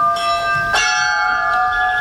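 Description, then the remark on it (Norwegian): Old bells ring out together, layered metallic tones humming steadily, with a fresh clang partway through that blooms and lingers. Loud and resonant, with no voices. The mix of these bells is to be heard daily as the school bell of the new school in Sør-Fron. “Når den flunka nye skolen i Sør-Fron åpner til høsten, skal miksen av klokkene høres hver dag som skoleklokke.”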